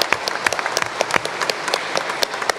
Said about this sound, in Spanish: Así es. Aplauso para ustedes.